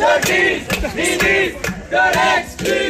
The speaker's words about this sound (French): Elisabeth De Gries, ministre de l'exclusion, voilà ce que scandent les artistes présents sur fond de concerts de casseroles et à grand renfort de quelques calicots.